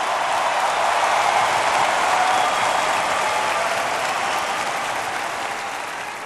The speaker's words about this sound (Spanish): un minuto dando gritos de júbilo en honor a Jesús. El sonido de libertad.